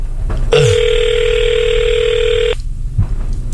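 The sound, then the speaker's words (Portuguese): A single steady electronic ringback tone of an outgoing phone call, placed again after the previous call dropped, sounds for about two seconds, clear and fairly loud over a low background hum, then cuts off into quiet. “Ligando de novo. Caiu a ligação.”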